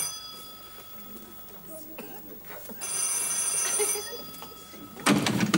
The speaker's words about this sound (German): Warum gehen Sie nicht ans Telefon?